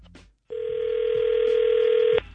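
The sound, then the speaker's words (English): A steady, loud telephone dial tone drones for nearly two seconds after a click and brief silence as the other party hangs up the call, then cuts off abruptly; a faint voice is heard briefly at the start. “You have some kind of nerve hanging up on me.”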